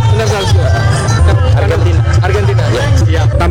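A dense crowd of residents watching the Bola Gembira people's entertainment football event at Lapangan Sakura in Batu chatters continuously amid light drizzle, overlapping voices forming a steady loud babble with no single speaker standing out, backed by a low rumbling hum throughout.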